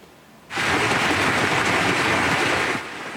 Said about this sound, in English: You can see the size of that hail coming down. A red alert was issued for the Claresholm region around 5 p.m., warning of strong wind gusts, hail, and heavy rain.